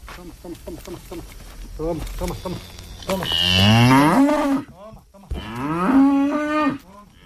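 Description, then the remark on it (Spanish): Cows moo twice, loud: two long, drawn-out bellows, each lasting over a second, following a stretch of shorter, choppy sounds, at a farm in Carcaboso where cows and horses graze. “En ese viaje a Carcaboso, Valentina estuvo con Alberto visitando la finca donde pastan sus vacas y sus caballos,”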